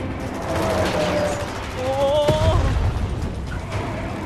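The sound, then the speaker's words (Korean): A huge explosion booms through a dense, continuous roar of battle noise, with rapid gunfire-like crackling and rising mechanical whines layered over the heavy low rumble. “방금 엄청난 폭발음이 났어요.”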